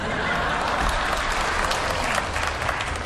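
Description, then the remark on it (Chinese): Steady audience applause fills the whole stretch, a dense wash of many hands clapping at an even, fairly loud level with no voices standing out. “哎，你看看，这鼓掌都是你爸爸。”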